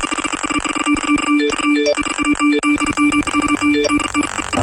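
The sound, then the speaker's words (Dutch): A rapid flurry of electronic phone message alert tones as messages come in, bright chimes and pings piling over one another nonstop, loud, with no voices. “Kijk eens, de berichtjes komen binnen.”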